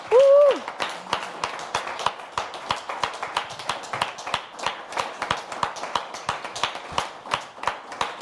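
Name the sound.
thunderous applause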